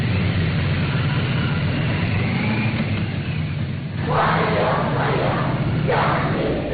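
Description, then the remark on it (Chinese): Young people lining both sides of the road outside the north gate of the Great Hall of the People cheer and shout enthusiastically to greet July 1 Medal recipients, in loud, rhythmic bursts outdoors, swelling midway through, over a steady low rumble of engines and a continuous crowd murmur. “人民大会堂北门外，礼宾分列道路两侧，青少年热情欢呼致意。”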